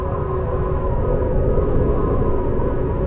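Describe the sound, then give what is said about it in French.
Wind blowing as a steady, loud low roar, a continuous rumbling rush with no breaks for about three seconds and no voices. “Tu entends le souffle du vent?”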